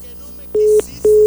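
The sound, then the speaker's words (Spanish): Two short, steady telephone tones, fairly loud, each lasting about a quarter second with a brief gap between, after a moment of faint background noise, as someone plays with a telephone. “¿Cómo me cae gordo que esté jugando con el teléfono?”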